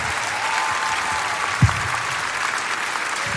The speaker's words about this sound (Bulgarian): Затова аплодисменти за Бега Радио, дами и господа.